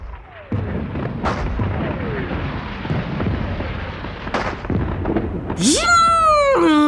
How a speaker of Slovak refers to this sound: Žunk! Žunk! Vírilo vo vzduchu katarínske koleso. Bum! Bum! Vyletela rímska svieca. Plesk a tresk a ťap a frnk! Navôkol sa roztancovali petardy a bengálske ohne zafarbili všetko na šarlátovo.